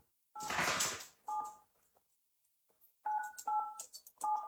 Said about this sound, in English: there is something that is beeping. It sounds like a phone. What is it? It's essentially a phone in a farmhouse. Oh, it's like a kid's toy.